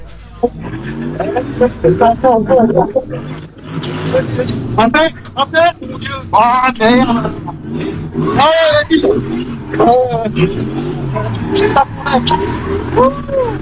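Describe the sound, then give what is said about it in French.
A car engine drones loudly and steadily, nearly drowning out the people talking over it. The motor noise stays continuous for the whole stretch. “Et on entend plus la voiture que sa voix.”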